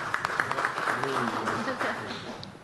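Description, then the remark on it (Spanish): A crowd applauds with a dense, steady crackle of many hands clapping, sharper individual claps standing out early on, while a voice briefly speaks over it in the middle. “Fuerte los aplausos, por favor.”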